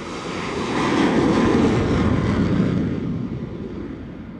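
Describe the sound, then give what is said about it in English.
A jet plane roars through a catapult launch off a carrier deck, a loud, rushing engine blast that swells within a second, holds, then slowly fades as it pulls away. No voices. “Then, the front wheel of the plane is attached to machinery under the deck, the catapult, which literally flings it off the edge of the deck like a pebble from a slingshot.”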